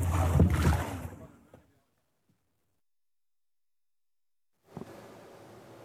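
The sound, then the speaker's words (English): A small fishing boat's motor rumbles loudly over churning water in Gaza's waters, then cuts to silence for a few seconds before a softer wash of water and engine noise returns. “Despite the shortages and restrictions, fishermen continue taking their small boats into Gaza's waters, trying to secure whatever they can for their families amid widespread displacement and hardship.”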